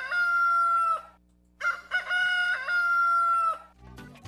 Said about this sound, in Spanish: A lo mejor necesitan un gallito despertador para los que no se nos quieren despertar.